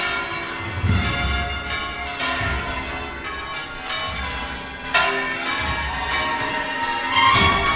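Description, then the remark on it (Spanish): Church bells of the Convent of Santa Marta and La Giralda peal continuously on a Corpus Christi morning, overlapping strikes ringing out in an uneven, clanging rhythm with rich lingering overtones, fairly loud, with no voices heard. “Ahora son las campanas del convento de Santa Marta y las de La Giralda también, las que vuelven a repicar.”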